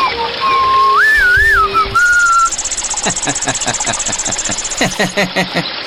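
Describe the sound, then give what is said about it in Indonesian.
A bright, cheerful whistled tune rises and falls in a few playful notes, then gives way to a steady rhythmic mechanical chugging, like an engine knocking, that runs to the end. “Begitu sampai di tempat itu, kancil tertawa terbahak-bahak melihat seekor tupai sedang menari-nari mengibaskan ekornya di tepi sungai sambil bersiul-siul.”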